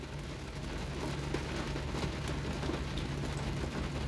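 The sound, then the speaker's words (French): Heavy rain pours down steadily, a dense, unbroken hiss with a low rumble underneath, constant for the whole stretch with no voices. “Sous une pluie folle, folle, folle.”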